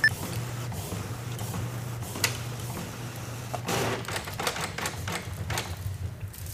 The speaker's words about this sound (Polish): Wydrukowane. Jest to cichsze. Potrwało to troszkę dłużej oczywiście. No i plus jeszcze to parkowanie to drukarki. Tak, to parkowanie rzeczywiście też swoje zajęło.